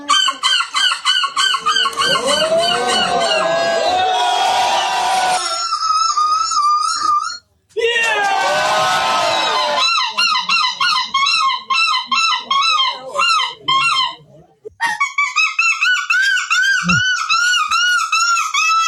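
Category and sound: vocal imitation, people imitating seagull calls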